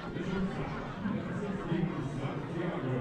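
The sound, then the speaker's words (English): A baseball crowd cheering and chattering for a bat dog that just retrieved a bat in the bottom of the first inning, a dense steady wash of many voices with gentle swells in loudness over three seconds and no single voice standing out. “That's the cheering that you're hearing.”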